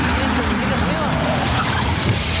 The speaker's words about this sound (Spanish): Oye, ¿ese no es el carro? Sí.